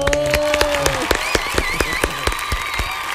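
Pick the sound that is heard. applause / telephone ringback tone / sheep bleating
applause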